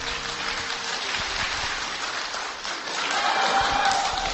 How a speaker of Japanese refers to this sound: はい、皆さん、温かい拍手ありがとうございます。